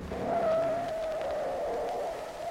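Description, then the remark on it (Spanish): A car's tires screech in a sustained, wavering squeal over a steady road rumble, lasting a couple of seconds before easing off as the car skids to a stop after being flagged down. “¡Ay, que a todo dar patinó el carro!”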